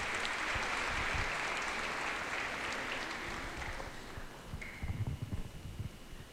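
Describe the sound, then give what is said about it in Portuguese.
A crowd claps for couples celebrating their wedding anniversary, steady in a dense, crackling wash of applause that gradually thins and softens toward the end, with a few low thumps near the close and no voices. “Uma salva de palmas, parabéns.”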